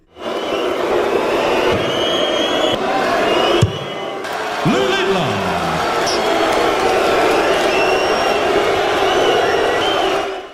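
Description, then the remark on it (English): A large crowd of fans at a darts match in Amsterdam roars and boos continuously at a 19-year-old player while he competes, with sharp whistles cutting through the din. The hostile noise stays loud and dense throughout, dropping out only for a moment partway. “the crowd have been booing and whistling while he's been competing”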